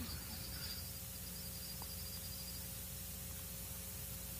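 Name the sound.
crickets chirping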